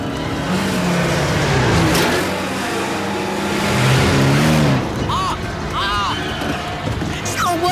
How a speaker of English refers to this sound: As the car heads for Hogwarts, it sputters and shakes.